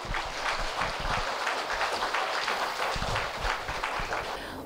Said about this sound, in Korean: 여러분, 큰 박수로 맞이해 주십시오.